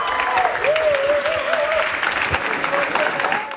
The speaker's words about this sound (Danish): Ja, stor jubel.